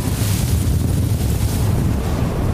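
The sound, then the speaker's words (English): Powerful Gobi Desert wind, gusting up to 70 miles an hour, roars and buffets against the microphone in a constant, heavy rush, with deep low rumbling and a hissing upper layer, no voices present. “for about the past 24 hours, we've been experiencing the Gobi winds. It's been gusting up to 70 miles an hour all night”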